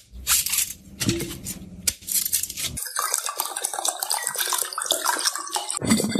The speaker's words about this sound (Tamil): இளநீர் 2 வச்சுக்கிறான், வெட்டுறான் குடினு. ஆ சரிப்பா, வெட்டுப்பா வெட்டுப்பா.